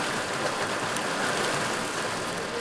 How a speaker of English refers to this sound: It's a few days after the celebration, and tribal members gather at Ferry Creek in Bandon. Tribal fisheries workers wade into the creek and stretch a seine net across the water, pushing hundreds of finger-sized smolts downstream. There we go.